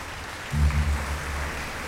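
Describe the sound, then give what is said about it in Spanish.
An audience applauds for Jesus during an evening gathering, a steady, dense wash of clapping that runs the whole length, with a low humming tone briefly swelling underneath partway through. “quilla un aplauso de Jesús en esta noche.”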